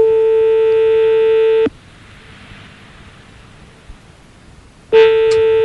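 Loud telephone line tones while calling a petrol station in Lyon: a steady, buzzy mid-pitched tone holds for over a second, stops for a long silent pause, then sounds again. No one speaks.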